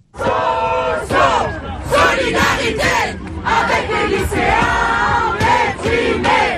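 A large crowd of university students at Plaza Parisina chants protest slogans loudly in unison, in solidarity with secondary school students, while waving a Student Union flag; rhythmic shouted phrases rise and fall in steady bursts, energetic throughout.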